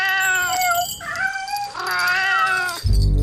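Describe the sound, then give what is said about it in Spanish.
Several cats meow in a drawn-out, overlapping chorus, their wavering cries rising and falling, ending with a sudden low thump. “Por eso ha decidido ir a visitar a la gran emperatriz de los duendes, Su Majestad Pirulara Emperatriz, que vive de sus ciudadanos apartada en un palacio sin duendes, pero lleno de gatos con cascabel.”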